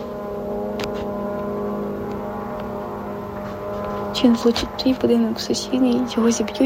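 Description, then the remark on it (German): A Shahed drone's engine drones overhead in a steady, sustained buzz throughout, moderately loud, as it flies straight toward a residential block, with a voice starting to talk over it in the second half. “Du hörst, wie die Shahed-Drohne direkt auf deinen Block zufliegt.”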